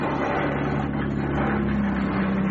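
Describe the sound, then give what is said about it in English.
A car engine hums steadily, its low drone edging slightly higher in pitch as the revs climb while speeding, with a constant rushing road or wind noise around it and no voices. “Hearing the engine's revs increasing for those brief few seconds.”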